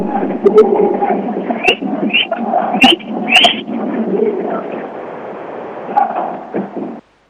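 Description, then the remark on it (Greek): A dense, sustained roar from a big basketball crowd cheering in the Andreas Papandreou indoor arena in Peristeri, Greece, loud and continuous for several seconds, with sharper shouts and whistles flaring up now and then, slightly muffled like a broadcast. “Και ακούτε τι γίνεται στο κλειστό Αντρέα Παπανδρέου εδώ στο Περιστέρι.”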